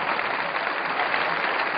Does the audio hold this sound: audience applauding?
yes